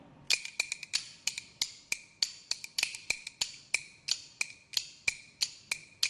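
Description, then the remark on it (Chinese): Bamboo kuaiban clappers clack out a quick, lively rhythm: sharp, bright wooden strikes in bursts and rolls with no voices, steady and moderately loud for about six seconds. “你能不能边打边用？一团快板来”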